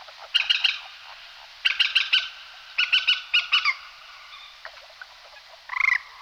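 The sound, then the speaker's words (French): A common kestrel gives shrill, rapid repeated calls in three short bursts, clear, followed by a single harsher call near the end; no voices. “Le faucon cresserelle, donc, est bien présent dans notre région.”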